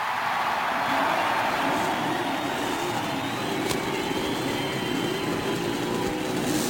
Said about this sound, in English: And the crowd liked that one even more than the original one. As a cheer goes up and you can hear the cackle of the Cosworth racing engine. Several Buicks sound out their roar, and that Chevrolet, that brand new Chevrolet racing engine, roars